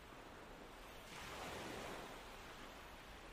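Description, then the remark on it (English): Soft, steady surf wash on a deserted beach as the tide slowly comes in, with one gentle wave swelling and breaking around the middle, then settling back into a continuous hiss of water on sand; calm, no voices. “You are sitting on a beautiful, deserted beach. The tide is slowly coming in.”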